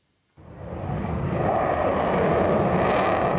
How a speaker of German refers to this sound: Ein bisschen wie Szenen aus dem Film Top Gun wirken die Vorführungen der Jets über Nordholz. Laut und schnell in engen Kurven ziehen die Eurofighter hier ihre Show ab.